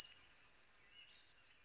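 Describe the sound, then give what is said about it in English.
A black-and-white warbler sings a thin, high-pitched song of rapid repeated squeaky notes, about a dozen in quick even rhythm, clear with no other sounds, in a yard in Harwich after the morning rain. “Black and white warblers,”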